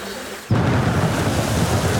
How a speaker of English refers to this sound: Just sit listening to the rain.